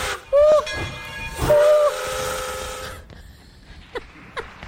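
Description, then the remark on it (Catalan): Two sharp steam train whistle blasts over a steady hiss of steam, then the rumble fades as the train pulls away, leaving faint clanks and noise behind. “Quina sort que tenen d'agafar el tren a l'hora, no?”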